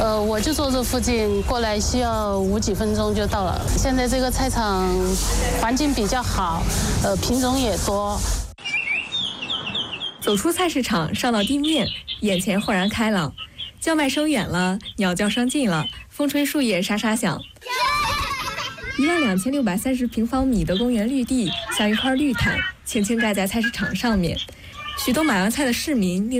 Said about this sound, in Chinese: 这里是贵阳花溪吉林农贸市场，120个标准化摊位错落排布，果蔬生鲜、熟食干货一应俱全。脚下是干爽的防滑地砖，头顶是明亮的节能灯，通风系统低声运转，把传统菜场那股潮湿香腻的老味道灌进了历史里。